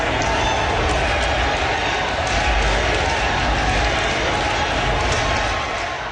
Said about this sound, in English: A crowd of supporters cheered and chanted Carrie Lynn's name once she was announced as the winner